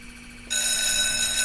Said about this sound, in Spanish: Bueno, me poniendo la alarma, por favor.